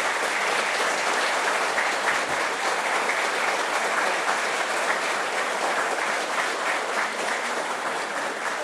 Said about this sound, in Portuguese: E agora sim, eu quero que vocês recebam com uma salva de palmas